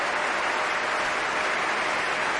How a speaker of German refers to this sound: Sie hören den Jubel.